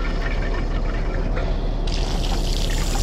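water running

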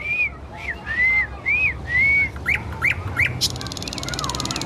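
nightingale singing

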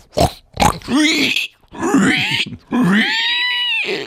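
pig grunting

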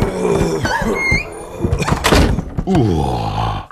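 door opening

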